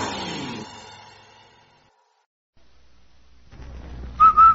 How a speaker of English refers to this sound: Say, Andy, did you hear that whistle? Sure do, Amos. That whistle means rinse-o white, rinse-o bright, rinse-o new.